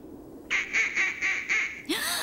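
ducks quacking

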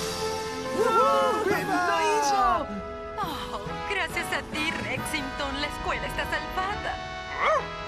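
dog barking

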